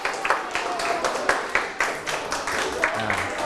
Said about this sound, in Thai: เอาปรบมือให้กลุ่มที่ถูกต้อง